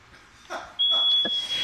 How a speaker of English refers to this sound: Okay, so to get us in the mood for the next discussion, we're going to play a little sound from a hoary marmot in the wild. I love marmots. Here it is. Sounds like a fire alarm.